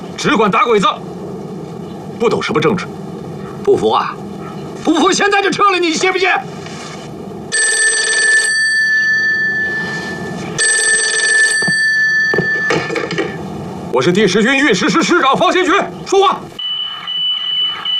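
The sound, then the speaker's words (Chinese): A telephone bell rings loudly in two long, jangling metallic bursts separated by a brief pause, a call for the army commander. Men's voices speak before and after the ringing. “军座，电话。”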